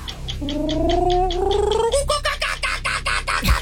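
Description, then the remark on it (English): A person vocally imitates a kookaburra's laughing call: a rapid, rhythmic chuckling with a rising hooting pitch that breaks into a louder, more frantic cackle before ending. “Like a kookaburra.”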